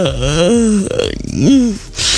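A loud, drawn-out vocal yawn with a groaning voice that wavers and slides in pitch, followed by a second rising yawn and a short breathy exhale at the end.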